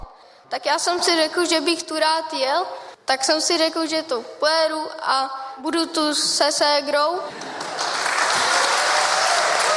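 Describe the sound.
A voice speaks for several seconds, then audience applause breaks out, a loud, steady wash of many hands clapping that carries on to the end.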